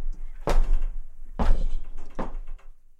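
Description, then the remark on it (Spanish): The heavy door of Park Abbey being shut as visitors enter, with three solid wooden thuds spaced roughly a second apart, fairly loud over a low rumbling background, no voices. “Apenas cruzamos su puerta, el mundo baja el volumen.”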